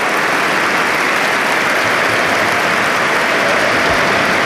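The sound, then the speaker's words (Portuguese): Sustained applause from a large audience at a party congress in Portugal after a speech by Luís Montenegro, a steady dense wash of clapping with no pauses, loud and even throughout, with no voices standing out. “Agora aplausos.”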